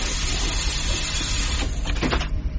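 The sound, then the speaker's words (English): A door is tried and opened: a short run of mechanical clicks and a rattling latch, then a scraping movement, all over a steady, loud background hum. “Oh, I haven't actually tried the door.”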